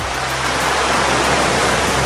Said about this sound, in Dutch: Het verfrissende water van de Atlantische Oceaan.